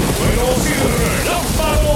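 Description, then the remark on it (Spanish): Steady, dense hiss of rain falling, constant throughout, with faint tonal sounds and murmuring in the background. “Con lluvia.”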